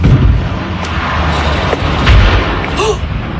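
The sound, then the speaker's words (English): A seaplane skimming low over the water off the Pacific Northwest crashes into a rocky shore: a loud, sustained low roar and rumble with heavy booming thuds and crackling bursts lasting a few seconds. “Plane skimming low over the water, then flying behind trees, and you can hear it hit the rocky shore.”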